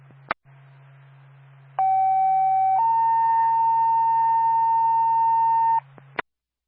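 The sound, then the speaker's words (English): A two-tone radio dispatch page for Twin Mountain Ambulance, sent for a call in Carroll: a steady tone holds for about a second, then steps up slightly to a longer sustained tone, framed by squelch clicks and a low background hum, with no talking. “Mountain Ambulance, stand by Stone.”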